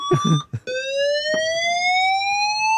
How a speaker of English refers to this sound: we can exclusively reveal, can't we, …, that the fire alarms work in the new premises